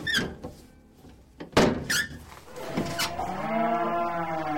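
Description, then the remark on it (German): Several cows moo loudly and insistently, a long low bellow swelling in the second half, preceded by squeaky creaks and a couple of hollow knocks. “Doch man hatte sie offenbar noch nicht bemerkt, obwohl einige Kühe ihren Unmut lautstark kundtaten.”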